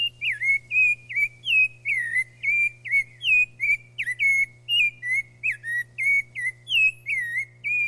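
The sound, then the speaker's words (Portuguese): A rufous-bellied thrush (Turdus rufiventris) sings a steady stream of clear, fluting whistled phrases, one after another with brief gaps, prominent over a faint low hum. “Quem disse sabiá laranjeira acertou.”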